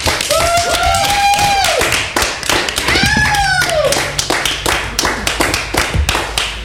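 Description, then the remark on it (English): A studio audience applauds loudly with dense, continuous clapping throughout, while a couple of rising-and-falling whistles ring out over the crowd. “The clap light turned off.”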